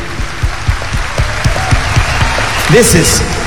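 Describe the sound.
An audience applauds a teacher steadily, a dense wash of many hands clapping at an even, fairly loud level, with a voice briefly calling out over it near the end.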